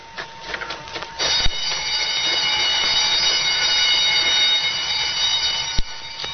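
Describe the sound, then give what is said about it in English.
A loud prison alarm, sounding after 13 convicts shot their way out of prison, starts after a brief quiet moment and blares steadily without pause, its harsh ringing tone held throughout, with a couple of sharp knocks cutting through. No one speaks. “Statewide alarm. Emergency.”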